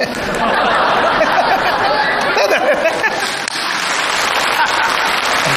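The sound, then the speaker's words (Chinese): A crowd of young audience members applauds a performer steadily and loudly for several seconds, a dense wash of clapping with a murmur of audience voices mixed in, holding even throughout. “哎呀，你算说对了， 给他鼓掌的都是年轻人，是吧？”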